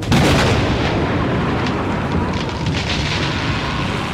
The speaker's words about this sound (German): Ein Gewitter zog in Richtung Waldlichtung und unaufhörlich rollte der Donner.